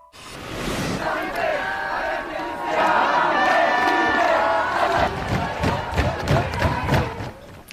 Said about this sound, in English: Protesters are out on the streets of France again today, chanting, banging drums, and holding signs with messages such as high schools repressed, universities enraged.